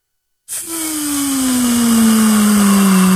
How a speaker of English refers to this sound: You hear that, guys? That is the air being let out of the balloon. Best way that I can describe it.